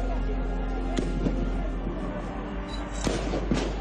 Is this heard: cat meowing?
no